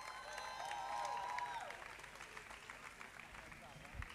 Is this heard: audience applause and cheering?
yes